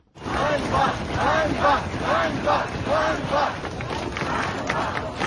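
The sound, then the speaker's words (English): A large crowd of protesters on the streets of Kyiv, Ukraine, chants "shame" over and over in a steady rhythm, loud and insistent, before the chant dissolves into general crowd roar with some wind rumble. “You can hear people shouting shame there. That's on the streets of Kyiv”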